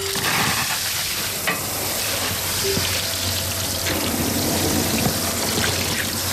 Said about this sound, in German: Das macht Spaß. Blumen gießen hier im Gartencenter Döscher in Hagen im Bremischen. Welche sind das jetzt, die wir da gerade gießen? Rispenhortensien.